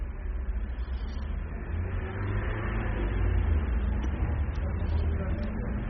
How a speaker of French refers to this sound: Des voitures qui viennent de la rue du Fou.